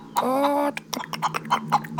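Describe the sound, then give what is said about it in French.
A voice imitates a hen: one drawn-out squawk, then a quick run of short, choppy clucks, moderately loud with no other sounds around it. “Mais on dirait le bruit d'une poule.”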